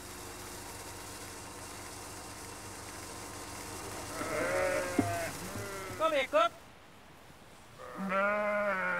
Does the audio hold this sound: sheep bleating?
yes